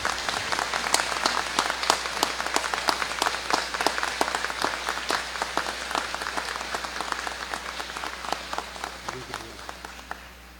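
A parish audience applauds a priest as thanks for his presence, with many overlapping sharp hand claps forming a dense, bright wash that gradually thins and softens toward the end.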